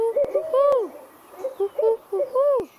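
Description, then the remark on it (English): A human voice mimics an owl, making a run of rising and falling hoots, some drawn out and some short and quick, fairly loud, with a few sharp clicks between. “The owls hooted, and … did too.”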